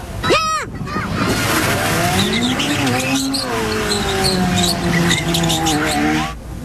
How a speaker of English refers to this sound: Police have made arrests in connection with dangerous driving stunts in Moncton, New Brunswick.